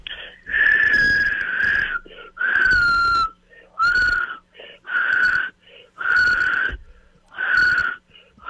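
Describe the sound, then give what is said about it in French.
Someone tries to whistle in six breathy, airy bursts, each about a second long with short pauses between, producing a wheezy, faltering tone rather than a clean whistle. “Puis en terminant, est-ce que tu es capable de siffler?”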